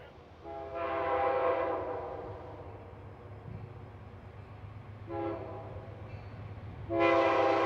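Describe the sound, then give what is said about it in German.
A northbound train rumbles along with a steady low drone while its horn sounds three times: a long blast first, then two shorter ones, each a loud harmonic chord. “Immer weiter fährt unser Zug nach Norden.”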